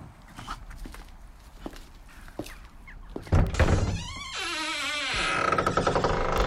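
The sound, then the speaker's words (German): Footsteps walk over to a stable at an even pace, then a bright whinnying call from a horse, a mare, rises and continues over steady background noise. “Wir können gleich mal rübergehen.”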